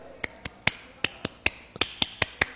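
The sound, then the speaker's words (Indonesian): An Indonesian scout clap (tepuk pramuka): about a dozen sharp, crisp claps in a quick, uneven rhythm with short bursts and brief pauses, performed alone without any talking. “Yes, kamu masih dengerin Prodo FM, teman terbaik kamu, tepuk pramuka.”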